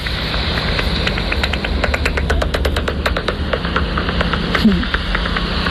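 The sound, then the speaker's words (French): Rapid trains of dry clicks from a bat detector as a hunting bat calls, the ticks speeding up and bunching together mid-clip over a steady low electronic hiss and hum. “Là, elle était en chasse”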